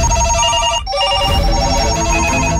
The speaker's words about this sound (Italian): Sente questi telefoni che non smettono di suonare?